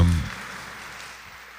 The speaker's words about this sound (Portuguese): Mandar uma salva de palmas para quem está nos acompanhando lá em casa.